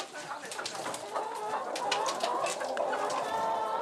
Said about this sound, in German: Jetzt schnell in den Stall. Auf die unternehmungslustigen Hühnerdamen passt jetzt erst einmal der schwarze Hahn auf.